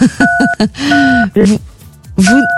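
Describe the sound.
Three steady electronic telephone keypad beeps, each lasting a few tenths of a second, sound over loud, excited talking.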